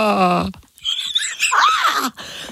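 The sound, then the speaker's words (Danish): A strained scream pushed out with almost no breath as part of a TikTok game: all the air in the body is breathed out, then a scream as loud as possible. Thin and raspy with a wavering squeal, it lasts about a second, after a brief voiced tone and a short pause. “Okay, så TikTok-legen er, at man puster al luft, man har i kroppen ud, og så skriger man så højt, man kan.”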